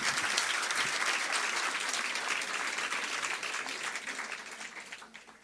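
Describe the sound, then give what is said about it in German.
An audience at a poetry slam claps for a slammer in a dense, sustained burst of applause that stays loud and steady before slowly tapering off toward the end. No one speaks over it. “Und nochmal einen Applaus bitte für den Slammer.”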